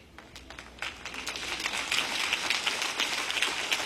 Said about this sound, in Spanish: ¡Ay, no les gustó esa parte! ¡Qué aplauso tan débil!